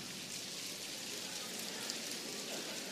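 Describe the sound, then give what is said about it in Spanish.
A soft, steady patter of light rain imitated by people clapping two fingers against a palm, a continuous dense pitter-patter lasting throughout with no voices. “Esa es la lluvia que empieza a caer sobre el campo.”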